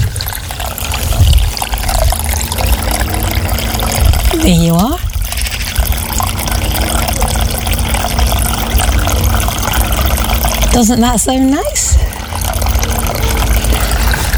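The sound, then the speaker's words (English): A solar-powered garden water feature trickles steadily and continuously, a soft splashing wash throughout, with a person briefly speaking over it twice. “I was going to let you hear my water feature”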